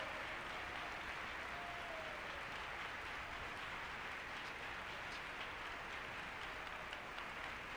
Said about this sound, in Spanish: Démosle un aplauso al Señor. 30 segundos de aplausos. Bien fuerte. Bien fuerte ese aplauso.